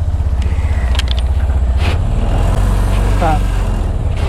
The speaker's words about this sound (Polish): Motor odpalony. I w drogę. I w drogę. I w sumie teraz na tym trójkołowcu mamy raz, dwa, trzy, cztery, pięć osób.